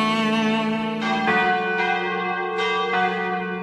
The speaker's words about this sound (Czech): Naša zvona.